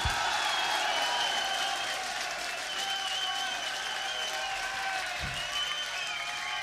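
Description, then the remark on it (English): Sustained audience applause for the band's drummer and backing vocalist, a dense steady wash of many hands clapping at full loudness for several seconds, with faint cheering and whistles woven through. “So, for this man, I'd like an extra special round of applause on the drums and backing vocals,”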